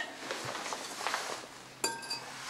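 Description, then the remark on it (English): Two glass wine bottles, one of red and one of white wine, clink together once, a bright ringing knock near the end, with a fainter tap right after, over quiet low background noise and soft handling sounds. “So we have two bottles of wine.”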